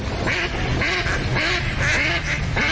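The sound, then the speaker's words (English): Several ducks quack in a steady run of repeated nasal calls, fairly loud, overlapping slightly against a low background rumble. “You hear that? And that's music to my ears. Time to gear up for bird season.”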